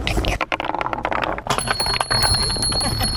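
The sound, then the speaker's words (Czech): Small bells ring out with high, sustained chimes about halfway through, over a busy clatter of balls rolling on a wooden marble run in the park at Zámostí in Česká Třebová, with faint voices in the background. “Mně se líbí na tom, že nejsou k tomu i nějaké i ty zvonečky.”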